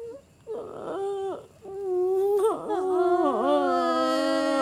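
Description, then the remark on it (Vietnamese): A person imitates a crying baby with loud wails: a short breathy burst, then sustained, wavering cries that rise and bend in pitch, with no other talk. “Tao lúc nào tao cũng thèm được nghe một tiếng khóc trẻ thơ.”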